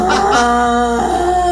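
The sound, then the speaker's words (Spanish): A person imitates a goat's bleat, one loud, sustained wavering cry that dips briefly near the end before trailing on, with no other talking. “La cabra.”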